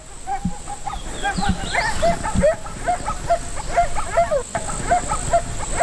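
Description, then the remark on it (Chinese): A pack of about 20 wolves yips and squeals in quick, overlapping bursts as they play until night fully falls, the excited calls continuing steadily over a soft background hiss. “他们的打闹嬉戏，直到夜幕完全降临才作罢。”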